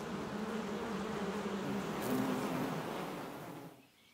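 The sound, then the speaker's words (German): A dense, steady buzzing of many honeybees in a colony, a continuous humming drone that swells slightly midway and fades out near the end. “Bis zu 100 Kilogramm Honig konserviert ein starkes Volk in einem Sommer.”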